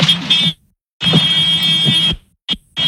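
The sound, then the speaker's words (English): A loud, buzzing warning alarm with a horn-like honk sounds in repeated blasts: a short one, a longer sustained one, then two quick bursts, with brief silences between. “It almost sounds... honking a horn, right? Like, mm-hmm. That's what I thought it was, yeah. What is that? It's the alarm. It's a warning alarm.”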